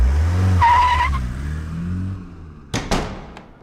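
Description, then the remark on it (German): A car, called for to take a person into custody, pulls up with a rumbling engine and a brief squeal of tires braking, followed by two sharp thuds like doors slamming shut. “Anima, wir bräuchten dann einen Wagen, bitte.”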